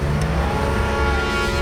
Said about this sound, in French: La voiture redémarre enfin.